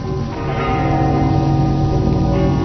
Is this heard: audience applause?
no